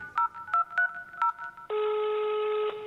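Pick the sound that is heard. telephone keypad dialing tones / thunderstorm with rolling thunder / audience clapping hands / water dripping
telephone keypad dialing tones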